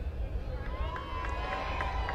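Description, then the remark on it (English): A large crowd at a baseball stadium makes a steady roar of noise as the scoreboard calls for noise, with regular rhythmic beats like chanting or clapping pulsing through it for the whole moment. “Scoreboard says, make some noise. Crowd responds.”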